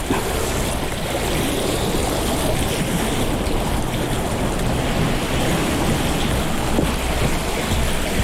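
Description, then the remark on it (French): A steady, dense roar of surf fills the scene, waves washing continuously against the shore below a greyish cliff, loud and unbroken with no voices present. “Un peu des vagues et remonte cette falaise grisâtre”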